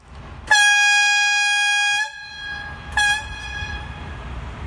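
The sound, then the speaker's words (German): A VT2E diesel-electric railcar's horn sounds two blasts: a long, loud, steady harmonic tone lasting about a second and a half, then a shorter burst, over a low rumbling background. “So klingt die Pfeife des VT2E.”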